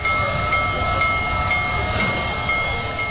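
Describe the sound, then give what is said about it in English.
The world's largest operating steam locomotive, Big Boy No. 4014, rolls by loud in Greeley, a continuous heavy rumble with hissing steam and a steady high metallic ring, no voices present. “The world's largest operating steam locomotive rolled into Greeley earlier this week.”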